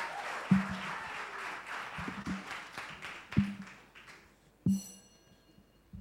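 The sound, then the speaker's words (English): An audience at a school debate applauds to welcome the principal speaker from Osei Edutrium Senior High School, a dense wash of clapping that gradually thins and fades out, punctuated by four low, hollow thumps spaced roughly a second apart. “Welcome her with a round of applause to start the debate.”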